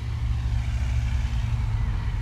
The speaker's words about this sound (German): Ein leichtes Vogelzwitschern, das Rauschen der Autos von der Straße, noch hört man nicht viel. Ich bin auf den Parkplatz des Albert-Einstein-Gymnasiums in Hameln angekommen.